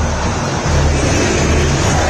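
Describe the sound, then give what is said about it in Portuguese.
Cruzeiro fans sing and roar together at the Mineirão stadium during a football match, a dense, steady wall of sound, loud throughout with only a slight dip before swelling again. “Iremos a 50, a torcida do Cruzeiro canta.”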